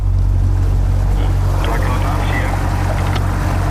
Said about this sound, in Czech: jsme právě na člunu na preventivní objížďce Brněnské